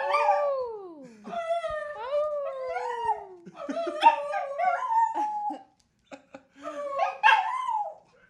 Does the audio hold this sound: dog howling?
yes